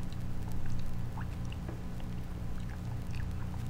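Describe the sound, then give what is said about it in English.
Water pours steadily into a drinking glass as it is filled up, a soft continuous rush dotted with faint bubbling plinks, fairly quiet, with no one speaking. “give me a glass of water, dear, before you go, will you? Fill it up.”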